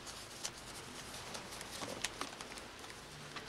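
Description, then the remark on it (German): Quiet, irregular papery flicks and soft rustling as 1000 Mark in banknotes are counted by hand one after another, with no voices. “1000 Mark, einverstanden? Haben Sie das Geld? Hier. Also los, hier. Moment, nachzählen, ne?”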